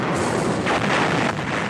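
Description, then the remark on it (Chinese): Heavy artillery fire at 6 a.m. in battle thunders continuously, a dense, loud barrage of booms with two sharper blasts swelling out of the rumbling roar. No voices are heard. “巨大的炮声传来，我们可以听见坦克加速前进的响声传来”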